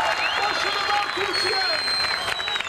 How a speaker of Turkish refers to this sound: İzmir'de ise Konak Meydanı'nda dev ekran kuruldu. Çok sayıda kişi Türk bayraklarıyla tezahüratlarla milli takıma destek verdi.